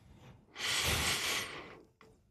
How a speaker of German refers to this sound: Du musst am Schluss nochmal, wenn du die Nase einschnaufen, musst du nochmal ein bisschen einschnaufen durch die Nase. Das ist so eine Atemübung. Dann bleibt es länger im Kopf. Und dann wieder raus.